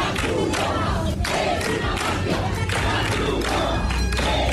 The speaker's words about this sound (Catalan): La Creu Roja és una màfia, cridaven alguns dels manifestants que hi van intentar impedir el repartiment de menjar i que hi van intentar fins i tot desallotjar els migrants que segueixen malvivint a les platges.